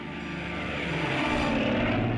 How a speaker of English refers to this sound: It's got those two big 2600 radials.1700 horsepower, and they're sitting there idling and making all kinds of racket